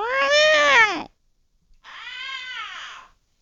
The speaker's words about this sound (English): And it's getting time for the cat to go to the vet. She done corralled her in the cage or crate or whatever you want to call that thing. And oh my God, you should have heard that cat.